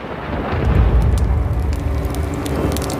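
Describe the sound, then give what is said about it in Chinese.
A deep, rolling thunder rumble from a hot-summer thunderstorm swells early and then stays as a steady low roar, with rain hissing throughout. It sounds loud, and no one speaks. “在炎热的夏季，雷暴很常见”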